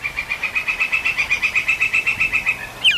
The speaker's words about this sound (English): The distinct call of a woodpecker carries through the forest. It's not drilling or pecking. It's calling to its mate.